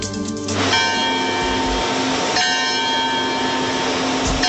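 Large church bells at the Vatican peal loudly, with two clear fresh strikes about two seconds apart whose deep metallic tones ring on and overlap against a dense, reverberant outdoor wash of sound.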